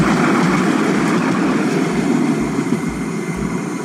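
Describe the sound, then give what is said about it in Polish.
A tram in Kraków rumbles past with a loud, steady roar of wheels on track and a regular low thudding as it rolls over rail joints, with no voices. “Przejazd tramwaju to nawet 90 dB.”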